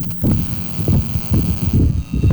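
An electric fan hums steadily, a low droning tone with a faint throbbing pulse running through it. No one speaks.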